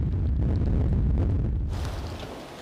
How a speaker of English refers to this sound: The winds have already reached storm force 8. The conditions are extremely bad.